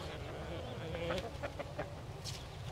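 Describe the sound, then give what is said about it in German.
Nearly 300 chickens on an egg farm clucking in short, repeated bursts over a steady barnyard murmur, with several birds calling at once and a few sharper squawks. “Das sind jetzt knapp 300 Hühner.”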